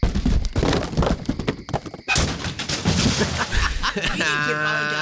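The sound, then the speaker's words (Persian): A stolen motorcycle is thrown down into a ravine, tumbling with a rapid series of loud, heavy crashes and metallic thuds, ending in a sustained ringing, whining tone. “الان می نزمش تا این دره له بشه عشق کنید.”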